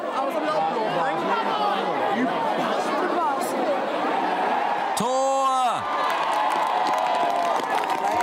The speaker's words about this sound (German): Während die Zuschauer jubeln, diskutiert die Mannschaft, wem die Siegerehre gebührt.